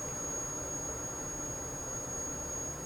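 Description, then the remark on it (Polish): Milk heating toward a boil in a pot gives off a steady, even hiss and low rumble that holds at a constant, moderate level for the whole stretch, with no voices. “Mleko, jak zapewne słychać, po charakterystycznym szumie zaczyna się gotować.”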